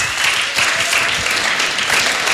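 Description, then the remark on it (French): An audience claps steadily, a dense, loud wash of many hands with no clear individual beats and no voices. The applause holds at an even level throughout. “Non, ils ont pas applaudi à ce fort.”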